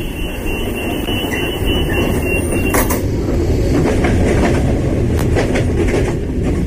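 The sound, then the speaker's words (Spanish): A train rumbles steadily along the rails, a loud, continuous low roar with rhythmic clacks and occasional sharp metallic squeals, with no one speaking. “Ahora mismo, mientras escuchamos la radio, hay miles de personas viajando en trenes.”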